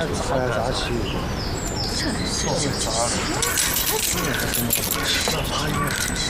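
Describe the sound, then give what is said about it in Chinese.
A bunch of keys jangles and clinks repeatedly as the keys are handed over to a newly arrived comrade, while people talk over it throughout. “把钥匙给新来的同志”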